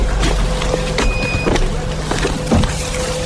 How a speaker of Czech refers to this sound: Pípání detektoru signalizuje, že v našem okolí se pohybují drony.